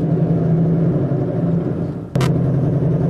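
A car engine idles in a garage with a steady, low droning hum throughout. A brief sharp clatter cuts in near the end, after which the engine sounds a little louder.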